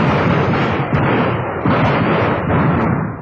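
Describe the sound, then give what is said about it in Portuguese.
A loud, dense volley of gunshots in a radio drama, fired as a criminal opens fire on a policeman, the bangs overlapping into a continuous crackling barrage for about three seconds, with no voices. “Lá vai fogo, policial.”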